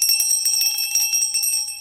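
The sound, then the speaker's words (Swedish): A bell rings continuously in a rapid, rattling trill for about two seconds, loud, with bright sustained metallic tones and no voices; it is the bell of an art installation, a gynecological chair placed behind a wall, in a collection built up by Jorma Toivonen. “Installationen består av en gynekologstol placerad bakom en vägg med en tillhörande klocka.”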